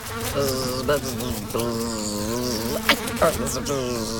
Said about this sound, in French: Ah, je la vois. C'est une mouche. Oh, mais attention, tu te cognes à la fenêtre de la cuisine.